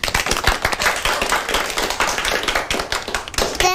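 A crowd applauds with a dense, steady patter of many hands clapping at once, fairly loud and sustained for several seconds, with no voices over it.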